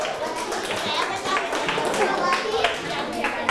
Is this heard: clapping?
yes